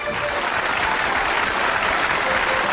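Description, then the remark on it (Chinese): Steady, dense applause from a studio audience welcoming the guest appraisers of the Shaanxi TV collecting show Huashan Lunjian, many hands clapping at an even loudness throughout with no pauses or voices rising above it. “掌声欢迎鉴定席市场团和华山研修院的各位嘉宾。”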